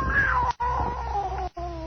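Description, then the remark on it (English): A scrawny cat yowls in long, wavering, drawn-out cries, broken by two brief pauses, fairly loud with a low rumbling undertone. “That scrawny cat, Clara, that mother sneaked aboard McGuire.”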